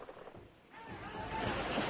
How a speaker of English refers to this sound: Stand by the anchor! The anchor falls into the water.